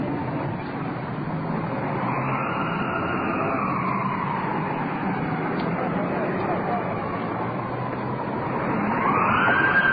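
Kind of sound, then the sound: vehicle, ambulance siren arriving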